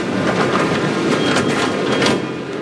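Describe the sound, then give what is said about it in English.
A steady, loud rumble and hiss of a subway train at a station in Mexico City, with faint mechanical clatter and no clear voices, holding constant before easing slightly at the end. “In Mexico City, the subway reserves some cars for women and young children only.”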